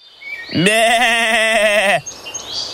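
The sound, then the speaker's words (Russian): A single long, wavering goat bleat lasting about a second and a half, loud and nasal with a quavering vibrato, followed by faint high chirps. “Вот бежит козел по полю, побежал вдоль по дорожке, а ему волк навстречу.”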